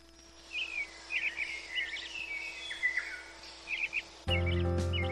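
Wild birds chirp and sing in quick, bright bursts over a quiet outdoor background, the calls repeating irregularly before a sudden low hum cuts in near the end.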